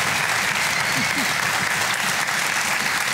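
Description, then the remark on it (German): Sustained audience applause welcoming this week's two drawn contestants, who play for 75,000 euros, a steady dense wash of many hands clapping at an even loudness throughout, with a faint voice or two briefly surfacing underneath. “Begrüßt mal mit einem herzlichen Applaus unsere beiden Kandidaten in dieser Woche, die Ausgelosten.”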